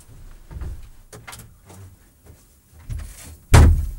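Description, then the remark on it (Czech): A door slams shut with a loud, sharp bang near the end, preceded by softer thuds and handling noises as it moves, with no voices. “Jak bouchla dveřma. Aby to bylo slyšet, že jako jsme odešli, chápeš?”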